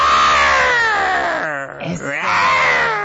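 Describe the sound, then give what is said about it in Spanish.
At the carpet event for the 500th performance of The Lion King musical at Teatro Telcel, a person voices a loud, strained roar imitating the Lioness Queen, a sustained raspy howl with wavering pitch that briefly breaks midway before surging again to the end. “Te quiero dejar con el rugido de la Reina Leona.”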